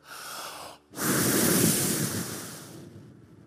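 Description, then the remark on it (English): A short breathy hiss, then a pause and one long, forceful breath blown straight into a microphone, roaring and rushing like wind before slowly fading out. No one speaks. “I'm talking about God who breathed into Adam.”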